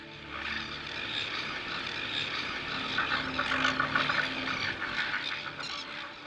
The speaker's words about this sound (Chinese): 非常非常嘈杂，甚至盖过了我船的这种发动机的轰鸣声音。